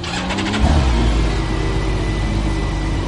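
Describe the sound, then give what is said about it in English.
The six-cylinder BMW motorcycle engine of a Compagnie Motors T-Rex three-wheeled car, in neutral, is started with its start button. The starter whirs briefly, the engine catches after about half a second and settles into a loud, deep, steady rumble, with no voices. “The only thing left to do is push the little engine start button.”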